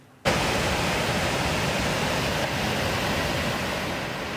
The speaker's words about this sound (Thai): กระแสน้ำป่าเชี่ยวกรากไหลผ่านบ้านร้องตำบลปัวอำเภอปัวเมื่อช่วงเช้ามืดที่ผ่านมาค่ะหลังจากที่มีฝนตกหนักกว่า300มิลลิเมตรทำให้น้ำป่าจากดอยภูคาทะลักลงลำน้ำปัวและลำน้ำขว้างท่วมบ้านเรือนประชาชน